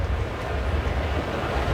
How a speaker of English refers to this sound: Winds gusting up to 31 miles per hour.